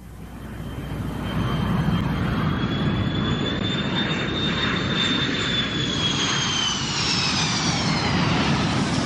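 An airplane passes overhead in Washington with a loud, steady engine roar that swells in the first seconds and holds, a high whine sliding slightly downward in pitch as it goes by. No one speaks.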